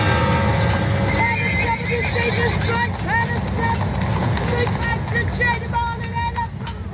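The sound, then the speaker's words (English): A horse pulling a wagon whinnies several times while hooves clip-clop steadily over a dense, busy street-like background in Syracuse with murmuring voices, the sounds loud throughout. “I can go back to the point where there was horse and wagons.”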